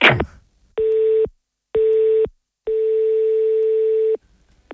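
A telephone rings with no answer: three steady, buzzy single-pitch tones, two short and one longer, separated by silences. A brief noisy burst comes first, and no one speaks.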